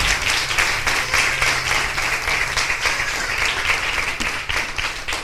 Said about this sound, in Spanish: Le puede dar palmas al Rey de Reyes y señores, señores.